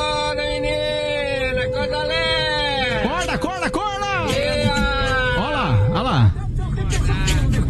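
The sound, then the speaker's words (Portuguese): A car horn blares in one long, steady honk for several seconds as the car drives past on a street in São Paulo, while voices shout and chant loudly over it amid busy street noise. “O cara passou em frente à Rede Globo aqui em São Paulo buzinando”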